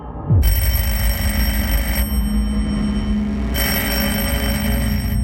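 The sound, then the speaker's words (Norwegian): A telephone rings loudly in two long bursts of bright, rattling bell tone separated by a short pause, with a low steady hum underneath, at Karistua in Lysaker around 6 a.m. on Monday 8 April 1940, waking Koht. “april, våknet Koht til at telefonen ringte I Karistua på Lysaker.”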